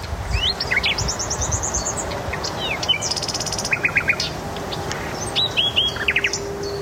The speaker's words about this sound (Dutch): Hier, hoor eens even. De nachtegaal in de Noordwijkse duinen.